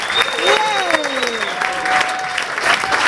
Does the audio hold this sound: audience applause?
yes